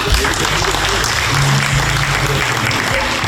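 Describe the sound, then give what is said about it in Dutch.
A crowd claps steadily and loudly, a dense wash of hand claps with a faint murmur of voices underneath, lasting a few seconds. “Hartelijk applaus denk ik voor al deze kanjers en hopbom.”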